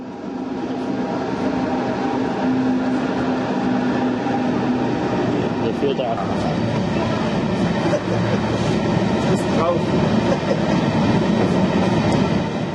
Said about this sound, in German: Die Versuche, rollende Erzzüge aufzunehmen, scheiterten immer an einem Detail. Entweder man stand an der falschen Stelle oder hatte die Kamera zu spät eingeschalten.